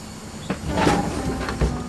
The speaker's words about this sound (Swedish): När bussdörrarna öppnas med ett pys vill ingen av pojkarna släppa sin mamma och kliva på.